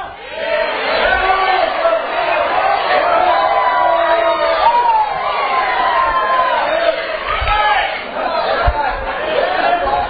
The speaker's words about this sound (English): All this shouting going on, all this praising going on.